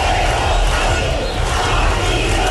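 A large protest crowd at demonstrations in Spain shouts and chants against the government, a loud, dense roar of many voices that holds steady throughout with no individual speech standing out.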